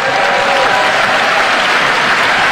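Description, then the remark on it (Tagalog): Legislators, including Congressman Joel Villanueva, applauding President Marcos's statement on the 2026 national budget in a sustained, dense wash of clapping that stays loud and steady throughout, with no pauses or separate voices breaking through. “Grabe yung palakpak ni Congressman Joel Villanueva, no?”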